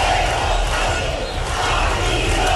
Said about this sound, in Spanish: Decenas de miles de personas han protestado en toda España, unas movilizaciones marcadas, como escuchan, por los gritos contra el gobierno.